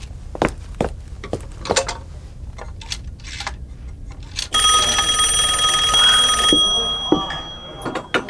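A series of sharp clicks, like a rotary dial turning, gives way to a loud telephone bell ringing for about two seconds as a phone call is placed, followed by a few softer clicks. No one speaks.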